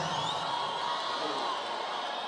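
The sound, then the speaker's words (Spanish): A crowd claps and cheers in a dense, continuous roar, steady and fairly loud throughout, with scattered whoops rising above the wash of applause. “Un fuerte aplauso, vamos, un fuerte aplauso.”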